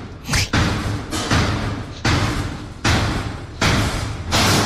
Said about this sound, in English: It sounds like the beginning of a frightening movie trailer. And then it smashes down. That's the lift next to me. But terrifying when you're alone in that sort of travelling box.